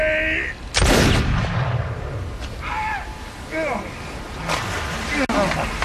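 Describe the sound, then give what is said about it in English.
A single loud musket shot, fired by the squire, cracks out early, its boom rolling off into a rumbling decay, followed by scattered shouting voices over a steady wash of background noise. “Take your shot, squire.”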